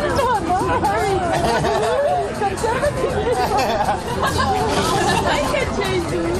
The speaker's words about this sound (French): Tintement des éco-cups, éclats de rire et chants des oiseaux en fond sonore, bienvenue au parc de l'Etna. Dans la partie est du parc se situe le Beer Garden, un espace aménagé où les tables tendent les bras aux coureurs fatigués